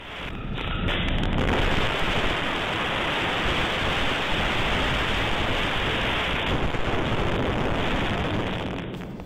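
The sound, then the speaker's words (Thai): A loud, unbroken roar of heavy rain and very strong wind in Pathum Thani, with trees bending in the wind, fills the whole stretch, a dense, steady wash of noise with no pauses and no voices. “ดูสิ ลมแรงมากคุณผู้ชมดูสิเนี่ยต้นไม้เอ่ยตัวฝนแบบลมแรงมากมากถึงขนาดไหนขนาดที่เรียกได้ว่าป้ายโฆษณาโครงเหล็กที่อยู่บนดาดฟ้ายังถล่มลงมาดูภาพกันหน่อย”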